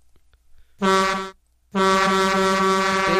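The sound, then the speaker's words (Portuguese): A trucker's air horn blasts twice, loud: a short honk of about half a second, a brief pause, then a longer sustained blast with a rich, brassy harmonic tone. “Tem buzina do caminhoneiro, é claro.”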